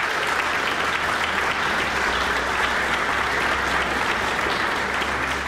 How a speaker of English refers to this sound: Always good to hear applause for a New Zealand pianist, Stephen DePledge, and the piece Dreaming by Amy Beach.